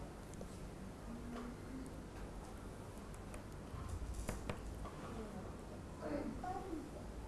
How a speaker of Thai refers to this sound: ขยำกระดาษค่ะลูกขยำยังไงหนูดูนะคะนี่เลย1 2 3นี่เลยค่ะถ้าอยากได้ขนาดที่มันเล็กนะคะหนูก็ต้องขยำให้กระดาษเนี่ยมันแน่นใช่ไหมคะ